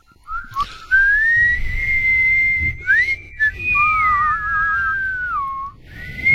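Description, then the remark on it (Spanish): A person whistles a flowing song melody, the clear tone gliding between sustained notes with brief pauses, over a low background rumble and no talking. “Ahora sí que no me la chifle, por favor.”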